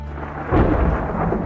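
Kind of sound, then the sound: nature, thunder rumbling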